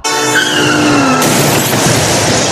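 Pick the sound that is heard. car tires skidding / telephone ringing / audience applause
car tires skidding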